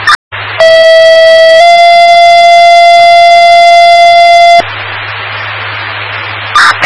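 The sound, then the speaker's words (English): Two long, steady fire department dispatch paging tones, toning out Olson Aurora Fire 49 to a vehicle fire on Highway 93 across from the Jetty store, sound in sequence, the first about a second, the second slightly higher holding three seconds, framed by hissing radio static with brief squelch bursts. “The tones for, I think, for an and. You need to set off Olson Aurora.”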